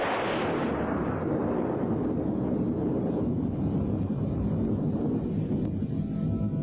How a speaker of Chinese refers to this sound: 天空中不时有强烈的雷声传来，我们被那突如其来的雷声所吸引了，都抬头望了望天空。我咒骂道：鬼地方哦，干打雷不下雨呀。